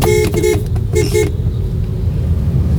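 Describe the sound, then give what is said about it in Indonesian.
Steady low rumble of road traffic, with many vehicles still passing through the Simpang 5 area at 6:38 in the morning. A few short, bright horn-like blasts sound in the first second before it settles into a continuous engine drone. “Masih banyak kendaraan yang melintas, tapi persiapan upacara sudah disiagakan,”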